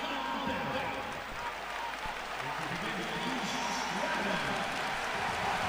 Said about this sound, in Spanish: Señores, vaya ovación para Sergio de la Rea, el canterano que tenía las miras puestas,